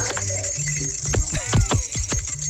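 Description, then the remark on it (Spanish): Jingle bells ring in a steady shimmer over a run of sharp, rhythmic clopping beats, like hooves trotting, moderately loud throughout the short stretch. “¿Esa campana qué? El cascabel.”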